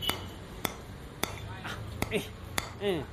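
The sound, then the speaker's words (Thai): Sharp-edged hammer blows land about every half second, five in all, as someone nails up an alcohol advertising sign. A person's voice briefly rises underneath the later strikes. “ตอกอะไรอะเฮีย”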